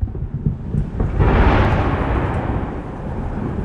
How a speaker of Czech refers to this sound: Krátce po vyhlášení vzdušného poplachu se v Oděse ozvalo několik silných explozí. Jeden z raketodronů zasáhl největší stadion na jihu Ukrajiny.